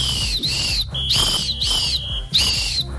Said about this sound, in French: J'ai eu un petit sifflet, vous êtes... C'est un peu bizarre.